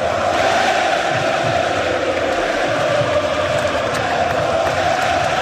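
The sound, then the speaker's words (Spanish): A large Lazio stadium crowd roars in a steady, dense ovation, thousands of voices chanting the name Pedro in unison with a rhythmic swell, loud and continuous, a farewell to Pedro Rodríguez Ledesma after Lazio lost the Coppa Italia final 2-0 to Inter Milan. “Ese Pedro que escuchan de fondo, esa ovación, es la despedida del Alacio anoche al tinerfeño, a Pedro Rodríguez Ledesma, después de que su equipo, el Alacio, cayera 2-0 en la gran final de la Copa de Italia ante el Inter de Milán.”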